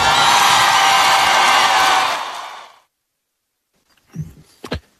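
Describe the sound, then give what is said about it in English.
A large stadium concert crowd roars and cheers after the performer says "free Palestine", a dense, loud wash of sound that fades out after a few seconds, followed by silence and a couple of brief, muffled bumps. “So that was, you can see how many people were in the audience and in that stadium, and you can hear people cheering.”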